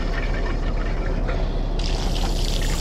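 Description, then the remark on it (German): Water runs steadily from a tap for a few seconds, a constant rushing splash, brightening in tone partway through as someone washes his hands beneath it; no one speaks. “Er wäscht sich die Hände. Ich höre es.”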